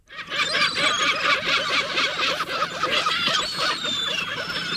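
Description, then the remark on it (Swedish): A flock of gulls in Jönköping, Sweden, screeching nonstop, many harsh, high cries overlapping into a loud, steady clamour for the whole stretch, with no voices. “Kommunen har fått in flera klagomål, bland annat från boende nära Erik Dahlbergs gymnasiet, där fåglar skränar, smutsar ner, bajsar och är aggressiva.”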